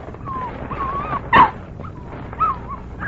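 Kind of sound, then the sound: animal, dog whimpering and yipping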